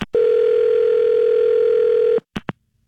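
A steady, loud telephone tone while placing a call holds for about two seconds, then cuts off, followed by two brief clicks or beeps. No one speaks.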